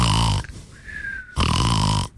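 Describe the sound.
A voice mimics snoring in a radio comedy parody: two loud, rasping, grunting snores separated by a short quiet pause, with no other talking.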